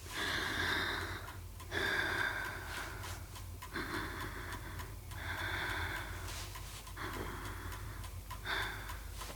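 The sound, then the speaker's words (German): A child breathes in and out slowly and audibly while a doctor listens to the lungs with a stethoscope, in about five steady, rhythmic breaths separated by short pauses. No one speaks. “Jetzt bitte nichts mehr sagen. Nur atmen.”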